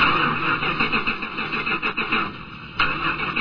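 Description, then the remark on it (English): A car engine cranks over and over without catching, a steady pulsing churn with a high, thin whine riding on top, loud, ending without the engine firing up; the car refuses to start for the fifth time. “That's the 5th time this car refused to start.”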